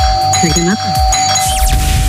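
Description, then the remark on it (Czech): A doorbell rings loudly, rung as part of a radio prize contest, its bright chime tones ringing out over a busy, layered background of other sounds for about two seconds. “Tak jdeme zvonit.”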